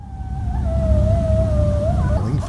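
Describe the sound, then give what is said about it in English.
A single long coyote howl, recorded at Fiddler Pond Park in Goshen near the Elkhart County 4-H Fairgrounds, holds a steady, slightly wavering pitch, then rises and breaks near the end, heard over a constant low rumble of background noise. “As part of their monthly Creatures of the Night series this summer, the Elkhart County Parks tomorrow night will feature coyotes.”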